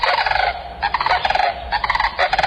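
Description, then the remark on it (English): Loud, rolling bugle calls of a sandhill crane (Antigone canadensis) ring out in several rattling bursts back to back, clear with no talking. “The bird's long neck holds an extended trachea that curls into the sternum and helps it create its loud, rattling bugle call that echoes from miles across the plains.”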